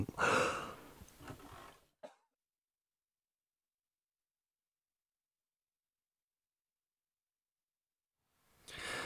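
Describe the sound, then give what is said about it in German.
A person in a loud burst of harsh coughing and throat clearing while trying to drink, ending with one short final cough, then a long silence before another rough burst starts at the very end. “Ach, ich huste und huste, trinke und huste immer mehr, spaßig.”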